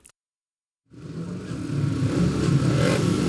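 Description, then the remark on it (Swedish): After a brief silence, speedway motorcycle engines roar in during a speedway match at the open Sannhets motor stadium in Kumla, a dense, continuous drone that swells slightly louder. “Tillbaka till Sannhets motorstadion i Kumla. Indianerna 18, Lejonen 12 efter 5 körda hit.”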